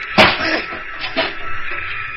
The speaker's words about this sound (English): Blasted things jammed! Try again! One more now. We smashed at it again and again.